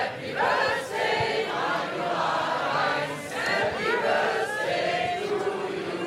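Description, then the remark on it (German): An audience and a radio host sing together for the 29th birthday of the station Radio 1, a loud, sustained wash of many voices, melodic lines rising and falling over a steady murmur. “Und deswegen wurde erstmal gesungen mit unserem Kollegen aus dem schönen Morgen,”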